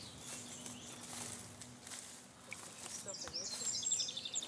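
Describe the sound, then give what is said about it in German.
Outdoor ambience in a valley in the Alentejo, a birdwatching hotspot, with birds chirping and calling to one another from one side of the valley to the other, the calls growing clearer and more frequent toward the end, over a soft wash of background noise. “Hörst du die Vögel?”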